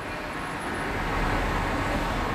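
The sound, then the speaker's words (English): A steady, broad roar of road traffic with cars going by, swelling slightly midway as one passes; no voices, just continuous engine and tire noise at moderate volume. “Cars.”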